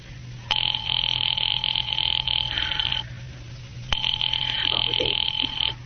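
A telephone rings twice, each ring a steady electric trill lasting about two and a half seconds, separated by a pause, with a low hum underneath.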